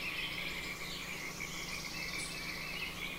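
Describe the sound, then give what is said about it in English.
A dense outdoor chorus of frogs croaking and trilling steadily, with insect-like buzzing and faint bird calls woven through a continuous, even nature ambience. No one speaks. “How's the level of the birds and the frogs' musical bed?”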